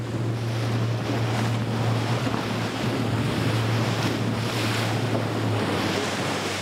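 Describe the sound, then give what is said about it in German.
A motorboat's engine drones steadily and loudly while waves and wind rush continuously around it as the boat speeds across open ocean water, chasing fin whales so that a GPS transmitter can be attached to one. No voices are heard. “Er muss das Boot so lenken, dass es in dem Moment in der Nähe des Wals ist, sobald der auftaucht.”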